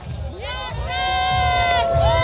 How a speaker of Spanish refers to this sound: Oigan, griten más fuerte y dice. Oigan, ¿cómo se sienten? ¿Bien? ¡Otro grito más fuerte!